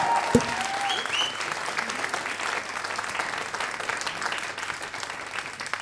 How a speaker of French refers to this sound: S'il vous plaît, un tonnerre d'applaudissement